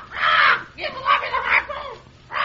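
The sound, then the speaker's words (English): A parrot perched on a whale oil cask aboard a schooner squawks in loud, harsh bursts: a long screech, a run of raspy chattering calls, then another sharp squawk at the end. “Hey, quiet that bird or take him aft.”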